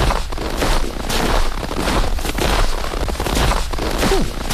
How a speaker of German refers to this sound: Mal gerade im Schneefeld am Mitlaufen, oder?